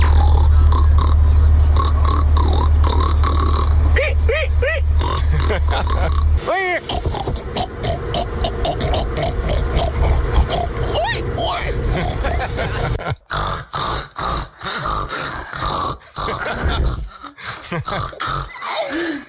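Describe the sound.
Several people loudly mimic a pig, trading rough throaty grunts and snorts with sharp squealing cries, overlapping, with a low rumble under the first few seconds.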